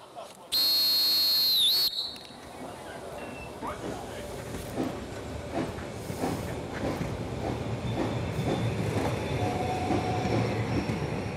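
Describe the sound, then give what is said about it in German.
A narrow-gauge steam train called Molly gives a loud, shrill whistle lasting over a second, then keeps running with steady chuffing and rhythmic rattling of wheels on the rails, with faint voices mixed in. “Die meisten Tagesgäste kommen dann doch wohl eher, um einfach Molly zu fahren und nicht wegen der Traumkulisse.”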